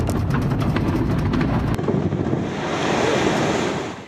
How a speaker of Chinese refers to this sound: 随着爆炸声响起，老丰满水电站的大坝退出历史舞台。